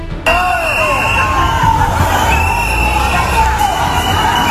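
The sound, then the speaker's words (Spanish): A loud, dense crowd in Ceuta boos and shouts "coward" at Spain's Interior Minister, voices overlapping into a hostile roar with sharp wavering cries and whistles rising above the din. “Entre abucheos y gritos de cobarde, Marlaska defendió en Ceuta la actuación de las fuerzas de seguridad”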